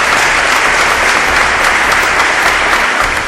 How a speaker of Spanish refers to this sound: ¿Cuánto dicen amén? Dan un aplauso, Señor, amén.